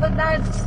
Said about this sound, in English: I'm in the car with my parents.